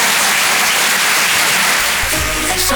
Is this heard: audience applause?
yes